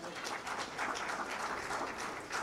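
A crowd claps steadily, a dense, continuous patter of many hands that holds an even loudness throughout, with no voices rising above it, giving a strong welcome to a guest preacher at a church gathering.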